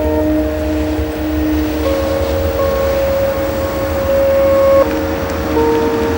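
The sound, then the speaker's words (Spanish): A man drives his car with a woman along, with a steady, continuous low rumble of engine and road noise. Faint sustained tones hum above it, and no one speaks. “Tiempo atrás, Paul conduce su coche en compañía de Cristina.”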